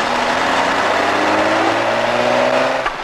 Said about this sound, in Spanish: Ha venido otro coche. Es que no le oigo nada con el ruido que hay aquí abajo. Otro coche, que ha venido.